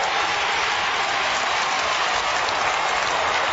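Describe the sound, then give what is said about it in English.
A large stadium crowd, all behind Geelong, roars and applauds at an Australian football match in a dense, unbroken wash of sound that holds steady and loud for the whole stretch, with no distinct voices rising above it. “The crowd, all Geelong behind the football.”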